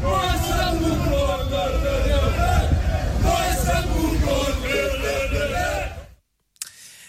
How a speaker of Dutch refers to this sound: NEC nam het vanavond in de Champions League op tegen Olympiakos Piraeus. Hoor even het publiek. We zitten dus in Griekenland en die Grieken die zijn niet blij. Want de nummer 2 van Griekenland speelt tegen de nummer 3 van Nederland en het wordt 0-0.